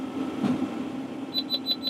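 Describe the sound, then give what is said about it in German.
A round baler's warning beep sounds inside a tractor cab: four quick, evenly spaced high-pitched beeps near the end, clear, over the steady low hum of the running engine, signalling that the bale is coming out of the baler. “Jetzt piept er nochmal, jetzt weiß ich, dass er beim raus ist aus der Presse.”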